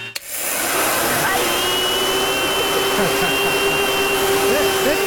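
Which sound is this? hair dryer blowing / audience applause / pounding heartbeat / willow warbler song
hair dryer blowing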